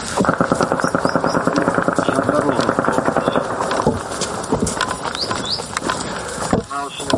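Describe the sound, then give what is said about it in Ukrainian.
A steady, rapid buzzing drone of drones overhead, a few kilometres from Druzhkivka, heard almost every minute, with a dense rattling pulse that holds strong for several seconds, then thins out into a rougher mechanical hum with scattered sharp clicks. “Ледь щохвилини ми чуємо характерне дзижчання.”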